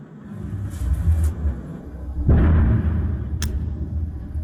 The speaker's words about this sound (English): Okay, what's that you can hear? Very quickly, that is some sort of missile.